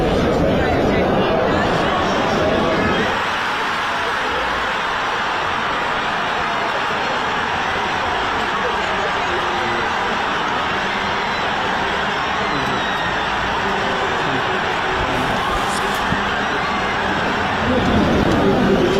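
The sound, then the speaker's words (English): A football crowd roars in celebration after Kai Havertz scores an early goal for Arsenal against PSG, a dense, sustained wall of cheering and shouting that stays loud throughout, swelling slightly at the start and again near the end. “The crowd here, along with the rest of the country, went wild.”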